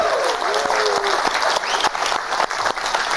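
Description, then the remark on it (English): A TV studio audience breaks into steady applause for guest Piers Morgan, dense and crackling across the whole stretch, with a few whoops or cheering voices rising briefly over the clapping. “You better clap.”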